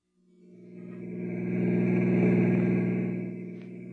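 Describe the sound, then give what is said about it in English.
A car engine starts up and drives steadily toward a hotel about 10 miles away, its low harmonic hum swelling and holding at a moderate level, with no voices. “Get the car.”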